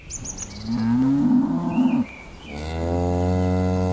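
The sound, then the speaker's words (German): Two long, loud moos from chestnut-brown Pinzgauer cows on a pasture behind a farm in Teisendorf, Berchtesgadener Land, before a mountain landscape; the first slides in pitch, the second is a steady drawn-out low call, with faint bird chirps at the start. “Kühe vor Berglandschaft.”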